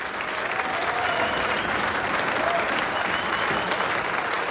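Steady, sustained audience applause, a dense wash of many hands clapping at an even loudness throughout, with faint cheering voices mixed in.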